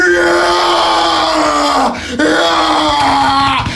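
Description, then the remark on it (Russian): A man imitates a loud, strained yell heard in a gym during a squat, a long sustained groaning roar that breaks off briefly midway and then carries on, intense. “Присед недавно слышал, вот это было так.”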